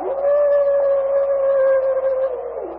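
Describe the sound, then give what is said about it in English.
A single long, wavering howl from a wolf-like animal rings out loudly for about three seconds, holding a steady pitch before dropping away at the end, with no talking. “That is just another of those square devils. They ever bunch together in wolf pack”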